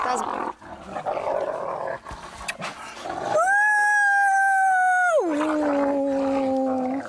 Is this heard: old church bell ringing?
no